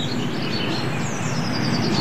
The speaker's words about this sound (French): Ça, c'est les mésanges que t'entends.